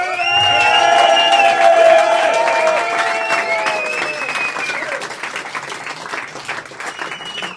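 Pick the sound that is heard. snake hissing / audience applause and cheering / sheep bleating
audience applause and cheering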